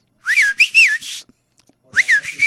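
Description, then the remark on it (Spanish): A person whistles a short improvised signal, invented among friends from the block to call each other when in danger: a rising-falling two-part phrase, a brief pause, then the same call repeated, loud with no talking. “Nos inventamos un silbido. Y entonces ya, cuando uno silbaba así, ya sabía, ah, este berraco ya viene a joderme la vida aquí.”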